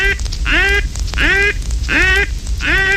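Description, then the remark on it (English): A duck's alarm call: four loud, harsh quacks in an even rhythm, each with a sharp rising onset, clear over a low background rumble. “This is the alarm call, and all ducks will flare from it.”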